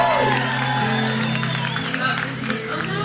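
A crowd applauds and cheers steadily for about three seconds, with dense clapping under scattered high whoops and whistles that rise and fall over the roar.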